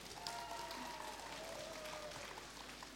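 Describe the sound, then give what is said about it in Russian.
Steady audience applause at the presentation of Radio Ransis, Russia's first internet radio station for blind people, lasts a few seconds, a dense continuous patter of many hands, subdued, with a faint high whine running underneath. “Мы рады приветствовать вас на первой в России интернет-радиостанции для незрячих «Радио Рансис», которую предлагаю начать с ваших бурных аплодисментов.”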